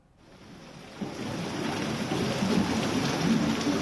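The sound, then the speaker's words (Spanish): A heavy hailstorm in Jaén roars in a dense, steady wash of pelting noise that swells louder after the first second and keeps drumming without pause, enveloping, with no voices; more than 30 litres of water fell in 20 minutes. “que contrastan con esta fuerte granizada en Jaén.”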